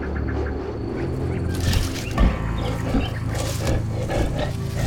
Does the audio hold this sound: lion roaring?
yes